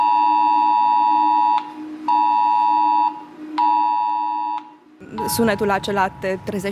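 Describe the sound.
A smartphone air raid alert from a Defense Ministry information video, sent like a cell broadcast to the phones of people in the area, blares three long, loud, buzzy tones with short gaps between them. The tones stop and a person starts talking.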